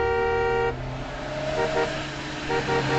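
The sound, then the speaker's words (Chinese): A loud, steady horn blares for nearly a second over rumbling road traffic of heavy trucks, then shorter honks sound in pairs amid the continuous drone of the trucks, as a three-wheeled motorcycle from Guiping city to the Dapengxia project headquarters is swallowed up in the truck traffic. “三轮摩托车很快就淹没在大车的车流里。”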